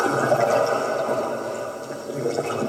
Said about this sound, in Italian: Tra arte e scienza ascoltiamo il suono del mare e degli abissi, ottenuto attraverso un sondatore acustico.